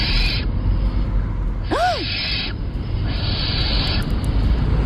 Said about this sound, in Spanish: Una lechuza. David y Blanca dicen lechuza.